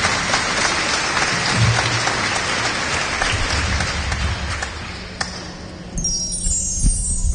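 An audience claps together as an offering of applause, steady and dense, holding for several seconds, then thinning out and tapering off toward the end, with a few scattered claps lingering.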